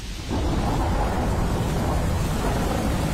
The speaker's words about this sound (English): This moment of calm is brought to you by Go Loud Sleep Sounds. Relax and unwind to the sound of a stormy night over the Midlands.